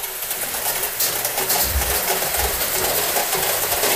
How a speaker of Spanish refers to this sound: Lloviendo sector Piedra Colgada. Ahí se nota que está lloviendo más fuerte, ¿eh?